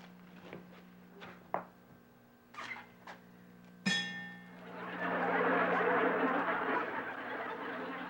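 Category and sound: toy whistle being blown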